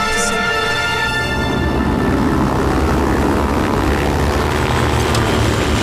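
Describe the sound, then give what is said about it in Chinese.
Many enemy propeller warplanes drone loudly and continuously, their engines forming a thick, rumbling roar with a steady buzzing tone on top that holds for the whole stretch. “今天的敌机多了像苍蝇。”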